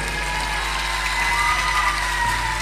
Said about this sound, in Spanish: pero les quiero hacer un pedido muy especial. Un fuerte aplauso para toda la organización de este gran evento, por favor.